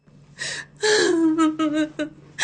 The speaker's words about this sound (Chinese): 正说着，外面就传来了一阵哀切又掺着几分喜悦的哭声。